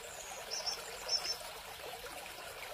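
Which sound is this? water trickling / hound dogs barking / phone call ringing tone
water trickling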